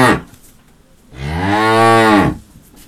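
A cow lets out one long, loud moo, a deep, throaty bellow that swells and then trails off after about a second. A short burst of sound comes just before it, and nobody speaks.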